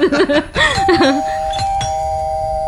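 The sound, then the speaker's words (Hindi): An electronic doorbell chimes as visitors arrive at the door, a bright melodic ding-dong, its tones ringing out and sustaining into a steady fading hum. No one speaks. “लो अब लगता है आ गए। मानव मानव जरा दरवाजा तो खोलना।”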